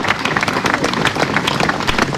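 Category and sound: crowd, long audience applause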